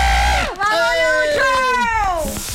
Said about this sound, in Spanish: Señoras y señores, por eso escucha el grito